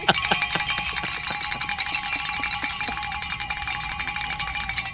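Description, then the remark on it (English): A large handbell rings continuously for several seconds, its clapper striking in a fast, uneven rhythm with bright, metallic tones that hang and overlap, loud throughout with no voices. “Grab that big bell you've been given”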